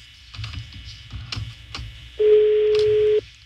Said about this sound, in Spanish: Bueno. Está sonando el teléfono del héroe sin capa. No contesta. No contesta, güey.